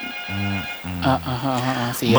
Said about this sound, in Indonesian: Itu seperti sudah ada telepon masuk ya. Iya, sudah ada telepon yang masuk ini.